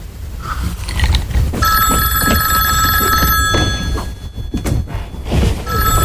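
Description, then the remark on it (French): A telephone bell rings loudly and continuously, a bright metallic trill starting after a brief moment of background noise, with some thumps and bustle in the room underneath. “Papa, téléphone.”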